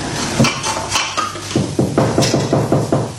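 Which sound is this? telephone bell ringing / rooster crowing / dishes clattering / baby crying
dishes clattering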